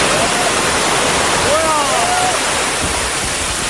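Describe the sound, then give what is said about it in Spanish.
Heavy rain pours down on the protest camp at Puerta del Sol in a dense, unbroken roar for the whole stretch, steady and loud, with faint voices barely rising through the downpour in the background. “Así ha caído, por ejemplo, el agua sobre la acampada de la Puerta del Sol, que la gente que estaba allí acampada pues ha intentado cubrirse del temporal como buenamente ha podido,”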